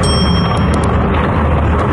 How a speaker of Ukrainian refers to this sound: Передсвятковий салют у небі над російським Каспійськом.